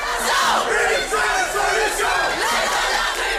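A crowd of student protesters shouts together at a strike demonstration in France, a loud, continuous roar of many voices with rising and falling chant-like calls throughout.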